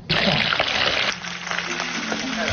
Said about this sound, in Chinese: 切好的鲅鱼和豆腐放入油锅炸至金黄，等待与其他食材发生一场完美的邂逅。